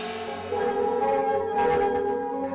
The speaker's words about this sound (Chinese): 在岩洞镇的广场上，敲锣打鼓，芦声清脆，一片欢歌笑语。原来黎平洞寨的石洞款会正在举行。